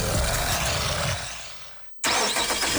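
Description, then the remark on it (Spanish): A car engine rumbles loudly, fades down to near silence, then abruptly roars back to life as it starts, running strong and close. No one speaks. “Antes de arrancar, hay algo que no puede faltar: estar protegido. Contrata tu seguro de auto hoy”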